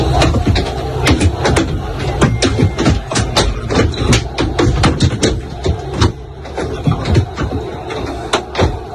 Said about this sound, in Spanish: Bueno, son 8 segundos nada más, los ha facilitado el club para que vean cómo suena de dentro todo lo que le va cayendo al autobús.